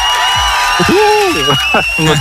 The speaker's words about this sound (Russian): И эти аплодисменты также для тебя.